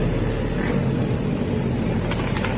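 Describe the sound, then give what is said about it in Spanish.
Dozens of motorcycles ride the wrong way along a street in Punta Carretas around 1 a.m. on a Friday night. Their engines make a steady, continuous low rumble that stays fairly loud throughout, with no one talking. “Contramano, las motos contramano.”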